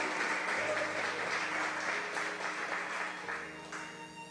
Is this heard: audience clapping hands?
yes